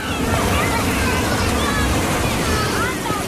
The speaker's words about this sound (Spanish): el centro de Sada, un municipio costero de la provincia de A Coruña. El sonido del mar nos acompaña mientras avanzamos por sus calles.